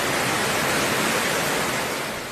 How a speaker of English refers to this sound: Yeah, there it is. The Lahaina River just raging as Lowell dumped more than 20 inches of rain in Kauai.